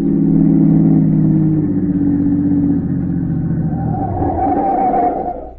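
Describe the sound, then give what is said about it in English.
A car engine drives steadily in the early morning while keeping a smuggler's car in sight, about 20 miles out of the city, with a loud, low harmonic drone, then revs up near the end, its pitch rising into a higher whine before easing off. No one speaks. “early morning, and he just managed to keep the smuggler's car in sight.”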